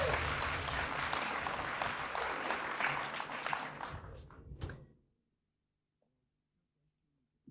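Loud, dense audience applause fills the first few seconds, a crowd clapping steadily before it tapers off around five seconds into near silence.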